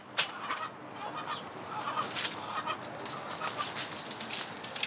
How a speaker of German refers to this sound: Appenzeller Spitzhauben. Das Versorgen der seltenen, robusten Schweizer Hühnerrasse gehört zu den täglichen Aufgaben der angehenden Bürokauffrau.